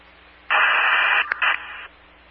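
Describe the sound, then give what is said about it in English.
A loud burst of static on a county dispatch radio channel hisses for over a second, briefly cutting out and crackling back before stopping abruptly, with a faint low hum underneath before and after. “West Unit, just static.”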